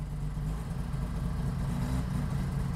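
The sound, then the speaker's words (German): The engine of an NSU Ro 80 car idles steadily, a low, even rumble with a smooth continuous hum and no revving or speech over it. “So, da ist er. Der Ro 80 ist ein Kultauto.”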